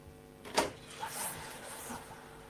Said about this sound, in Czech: Prosím, zamknout dveře.